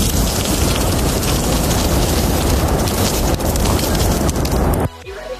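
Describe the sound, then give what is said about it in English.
Sausages sizzle on a barbecue: a loud, steady hiss of fat spitting and crackling that holds evenly for several seconds, then cuts off abruptly, leaving near silence. “Okay, that sounds like sausages. It is sausages.”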